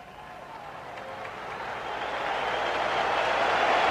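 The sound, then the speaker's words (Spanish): A large stadium crowd breaks into sustained applause after a minute of silence for the victims of the earthquake in Venezuela, a dense wash of clapping that swells steadily louder over a few seconds with no voices standing out. “El aplauso y el abrazo a los hermanos venezolanos en este momento de tanta desolación y angustia.”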